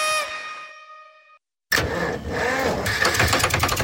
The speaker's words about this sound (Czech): Joj, kaj je sad pak ovo? Auto mi zvuči kak stari traktor. Pa kaj se čudiš? Auto ti ne je vidjelo servisa od prošlog ljeta.